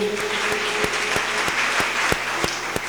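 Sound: audience clapping hands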